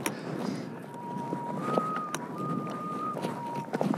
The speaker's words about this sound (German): Der Wind pfeift eine Terz.